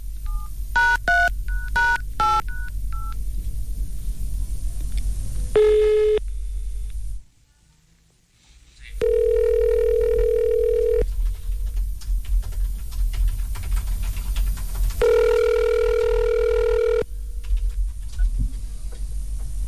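signal or alarm, telephone number being dialed

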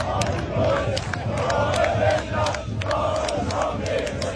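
crowd, football fans chanting

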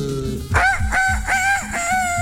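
sound effect, rooster crowing sound effect

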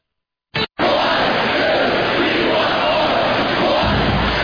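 crowd, hockey fans cheering

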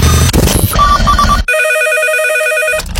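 signal or alarm, telephone ringing unanswered

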